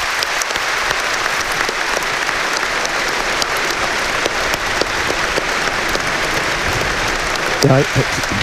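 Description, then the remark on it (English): A large stadium crowd on All-Ireland final day claps steadily in sustained applause as a tribute to a late former Monaghan player who died aged 41, dense and continuous, with a brief voice rising near the end. “There's a nice moment's applause going to be had for the late Stephen Gormley.”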